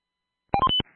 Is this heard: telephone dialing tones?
yes